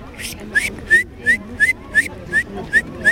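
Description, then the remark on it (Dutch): At a nature playground in Leiderdorp, Netherlands, a child whistles an imitation of a great tit's call: about nine short, bright, upward-sliding notes repeated in a steady, even rhythm over a low murmur of background noise. “Ik kon de koolmees heel goed nadoen.”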